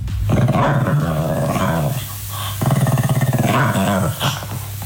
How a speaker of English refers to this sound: What is this? This is in the middle of the night. Like 2 in the morning. What is it doing, though? Is it awake? So there's phases of this dog's noises, right? So the first phase is it's rolling around on the floor, making those noises